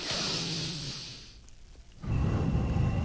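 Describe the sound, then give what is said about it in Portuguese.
Heavy breaths blown right into a microphone: a hissy exhale, a brief lull, then a louder, rumbling gust of breath. Unvoiced, with no talking. “É mais ou menos a respiração, dá pra ser melhor.”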